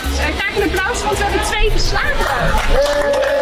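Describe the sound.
A loud crowd cheers and whoops steadily, with clapping and excited voices blending into a dense roar that holds for a few seconds, as two people pass their swimming diploma test.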